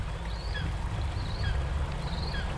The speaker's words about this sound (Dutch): Het water blijft kabbelen.